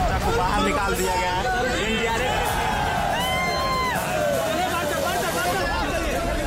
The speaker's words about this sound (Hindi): उसकी पलकें हिली तो लोग खुशी में चीखने लगे।